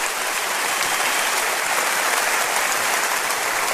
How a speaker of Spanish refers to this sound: Denle un aplauso a Cristo, por favor.